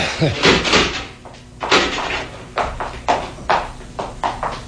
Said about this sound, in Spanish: Calimán empujó con la fuerza de sus hombros y la pesada puerta se abrió.